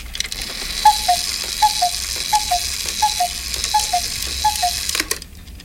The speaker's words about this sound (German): Das sind Kuckucksuhren.